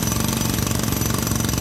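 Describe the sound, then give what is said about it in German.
A jackhammer pounds away in rapid, relentless bursts, loud, with a dense rattling roar that never lets up across the short stretch. “Das ist ein Presslufthammer.”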